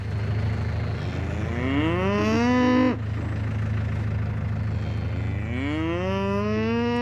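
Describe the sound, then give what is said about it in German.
A herd of 20 Galloway cattle, standing on land expected to be under the sea the next day, mooing: two long, drawn-out moos that rise in pitch, separated by a short pause, over a steady low rumbling hum throughout. “Dort, wo ihre 20 Galloways jetzt stehen, soll morgen Meeresboden sein.”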